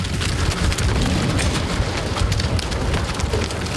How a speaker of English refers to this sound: In the meantime, cattle jostle as they hurtle through the border wall, screwworm free.